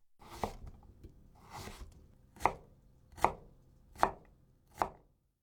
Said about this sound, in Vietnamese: Trong khi đang đặt đậu phụ trong tủ lạnh thì chúng ta chuẩn bị phần rau củ để trang trí. Đầu tiên là thái dưa chuột.